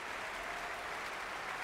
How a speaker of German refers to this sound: Jetzt kommt Paavo Järvi noch einmal herein und bittet alle aufzustehen. Viel Applaus. Und Pfiffe und Bravo-Rufe